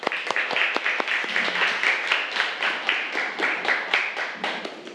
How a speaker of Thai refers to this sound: ปรบมือให้กับกลุ่มที่3ของเราค่ะ